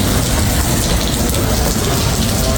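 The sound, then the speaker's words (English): A steady, dense rush of rainwater pours down nonstop through a leaking roof in the main terminal of Perth Airport after a fair bit of rain, loud with a constant hiss and no voices. “Yeah, well, we got sent this yesterday because we had a fair bit of rain around, as you know, yesterday. This is what's happening in the main terminal of Perth Airport yesterday.”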